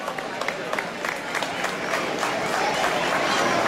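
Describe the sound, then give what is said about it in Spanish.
Audience applause fills the space, a dense wash of many hands clapping steadily and growing slightly fuller, with a crowd murmuring and cheering faintly underneath, as the presidents of the regional houses of Leganés and the president of FECACE come up. “Un fuerte aplauso para todos. Un fuerte aplauso para ellos, por favor.”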